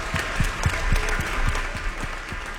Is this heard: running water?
no